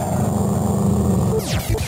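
A dog growls low and steadily, fairly loud, for about a second and a half, then a quick descending whooshing sweep cuts in near the end.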